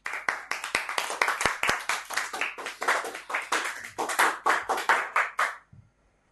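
A group claps loudly and steadily for about five and a half seconds, dense overlapping hand claps with a quick irregular rhythm, then stops abruptly into near silence.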